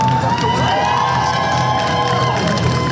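A crowd of dozens of people cheers loudly and steadily outside the Nasdaq Marketplace offices in New York at the SpaceX stock market listing, with shouts and whoops rising over a dense wash of voices and some clapping, sustained without a break.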